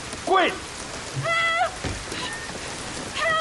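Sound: rain falling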